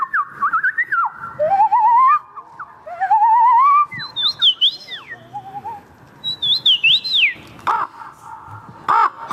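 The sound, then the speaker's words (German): A contestant at a bird voice imitation championship held in a city centre in Poland mimics a string of varied bird calls: rising whistled trills, chirps and harsh crow-like caws, loud, following one another in quick succession with short pauses. “blenden wir uns mal aus bei Paulina Milling und der Vogelstimmenmeisterschaft in Polen”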